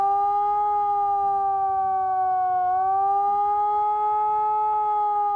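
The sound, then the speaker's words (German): A civil defense warning siren in Remscheid, Germany, sounds its warning tone during the nationwide warning day, continuously, a loud, steady droning tone with rich harmonics that dips slightly in pitch partway through, with no voices. “Danach gibt es dann folgenden Warnton.”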